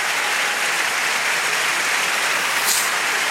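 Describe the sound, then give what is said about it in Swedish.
Steady, dense applause from a large crowd at Alexander Stadium clapping to help high jumper Gianmarco Tamberi as he prepares to attempt 2.32, a continuous wash of many hands clapping at an even loudness throughout, with no voices standing out. “Han vill ha ännu mer hjälp av publiken.”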